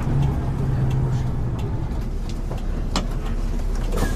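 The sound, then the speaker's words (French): A bus engine rumbles steadily, a deep continuous idle with a faint hum, punctuated by a few brief clunks and knocks as passengers get off the bus at Sauzon, in the north of the island, midway along the Sauzon ria, in July 2014. “C'est à mi-distance de la ria de Sauzon que nous descendons du bus.”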